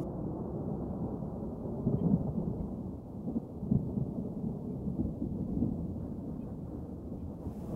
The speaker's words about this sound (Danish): Og mens tordenvejret buller i det fjerne